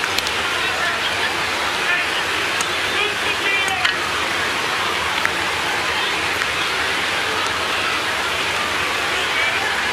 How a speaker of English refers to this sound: Rain a little bit heavier. It's been off and on all night, but the grounds crew not in sight.